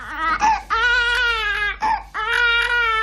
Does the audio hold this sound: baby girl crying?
yes